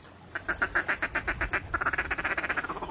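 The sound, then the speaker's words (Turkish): A duck call, a miniature instrument hunters use to lure ducks, blown by an expert duck-sound imitator in rapid quacking bursts, first about ten evenly spaced quacks, then a faster, tighter run of shorter quacks, loud with no voices. “Bugünlerde avcılar kuşlara İspanyol sinekleri gibi gelen ötme dedikleri minyatür enstrümanlar kullanıyor.”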